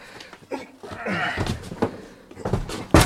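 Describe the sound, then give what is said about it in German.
A door bangs several times in quick succession, the final slam loudest, with muffled voices and shuffling in between. “Vorsicht, Tür.”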